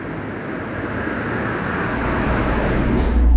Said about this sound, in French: Il y a une voiture.